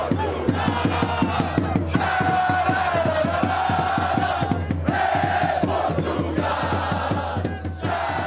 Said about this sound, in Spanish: Vea y escuche el ambiente que están armando los seguidores portugueses en las calles de Houston, Texas.